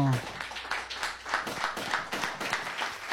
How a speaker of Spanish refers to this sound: Fuerte el aplauso, señoras y señores, para el majestuoso. A donde estén, fuerte el aplauso, ¿eh? Impresionante.